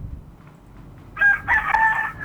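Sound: rooster crowing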